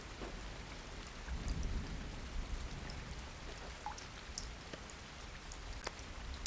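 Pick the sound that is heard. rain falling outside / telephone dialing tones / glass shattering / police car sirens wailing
rain falling outside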